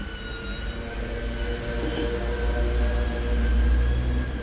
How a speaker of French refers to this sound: On entend une sirène. On ne voit pas encore ce que c'est.